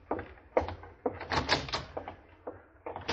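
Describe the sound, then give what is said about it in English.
A door is worked open and shut for a departing general, with a run of wooden knocks, creaks and bumps, ending in a firmer thud. “Don't just stand there, McQueen. Open the door for the general. He's leaving.”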